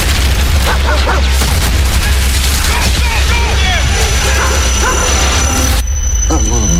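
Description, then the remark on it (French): A dog barks and yips repeatedly amid a loud, dense wash of rumbling noise, with voices mixed in and the barking fading near the end. “T'es un beau chien.”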